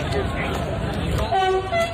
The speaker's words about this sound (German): Und dann fährt dort ein Zug vorbei. Ja. Und macht einfach nichts, außer zu hupen.